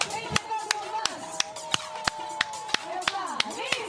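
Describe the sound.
Steady, evenly spaced hand claps applaud soapbox-cart racers, ringing out about three times a second, sharp and fairly loud, while voices talk and exclaim underneath.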